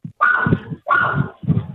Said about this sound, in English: You got a puppy there, Kenny. Yeah, I told you, I've got Milo. Milo's saying a few words on the radio. What a dog.